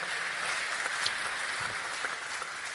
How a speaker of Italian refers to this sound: Comunque un applauso glielo facciamo comunque.